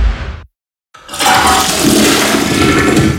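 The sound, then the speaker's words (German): A toilet that is not draining flushes with a loud, steady rush of gurgling water that surges in after a brief gap of silence and keeps roaring to the end, with no voices. “die Toiletten läuft nicht ab.”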